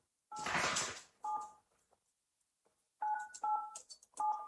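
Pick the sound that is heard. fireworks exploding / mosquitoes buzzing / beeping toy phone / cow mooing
beeping toy phone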